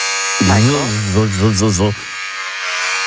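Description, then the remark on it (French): A loud electric razor buzzes for about a second and a half, its droning pitch wavering rhythmically as it moves, then cuts off, leaving a faint background hum. “Moi, un rasoir électrique. Un rasoir électrique? Vérification. Ah bah oui, c'est ça.”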